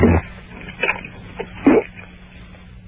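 Several short, throaty gulping and swallowing noises come at irregular intervals, like a failed attempt to force out a burp. No actual belch follows and nobody speaks.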